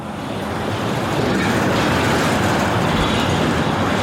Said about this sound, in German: Ohrenbetäubender Lärm in der Kleinstadt Hürth bei Köln. Lkw drängen sich über die größte Straße im Ort.